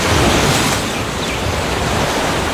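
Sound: ocean waves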